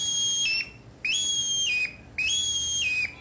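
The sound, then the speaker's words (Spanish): A hunter's bone whistle, made from a bird bone, imitates a male hazel grouse calling in the forest: three thin, high-pitched whistled notes, each holding steady before sliding downward, repeated at an even pace with short gaps and no talking. “Así suena un grébol como un macho en el bosque.”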